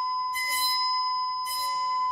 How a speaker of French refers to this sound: J'ai devant moi une plaque métallique carrée fixée par son centre. Je vais faire vibrer cette plaque grâce à cet archet. En vibrant, la plaque fera vibrer l'air et on va entendre un son.